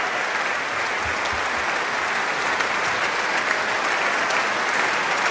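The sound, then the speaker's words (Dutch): Sustained audience applause at a concert, calling for an encore as Dumestre returns to the stage with a small guitar; a dense steady wash of many hands clapping at an even loudness for several seconds, with no voices standing out. “Maar is er wat meer applaus?”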